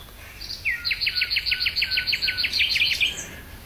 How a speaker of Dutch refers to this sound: Ja, het is niet alleen maar disco en partytime daar in Lloret de Mar. Ook prachtige vogels te horen.